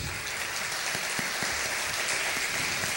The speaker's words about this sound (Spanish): Un aplauso ahí, Sergio.